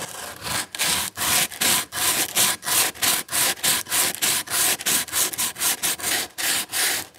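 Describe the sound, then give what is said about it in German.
Wood being sanded smooth by hand with a cork block wrapped in P100 sandpaper, rounding off sharp corners: quick, steady back-and-forth scratchy strokes, about three per second, fairly loud, with no talking. “Ich nehme jetzt diesen Schleifkork und versuche jetzt mal einfach hier so drüber zu schleifen.”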